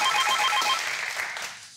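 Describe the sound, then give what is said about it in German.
A telephone bell rings with rapid, trilling repeated tones, bright and fairly loud, then fades out toward the end. No one speaks. “So, es klingelt.”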